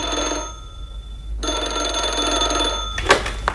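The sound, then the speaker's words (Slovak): A telephone bell rings in two bursts with a short gap between, fairly loud, followed by a couple of sharp clicks like a receiver being picked up. “Haló? Pri telefóne. Kto tam?”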